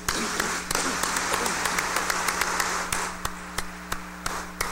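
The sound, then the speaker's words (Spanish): A crowd claps together in a steady wash of congratulatory applause, dense at first and thinning into scattered individual claps toward the end. “démosle un fuerte aplauso de felicitación.”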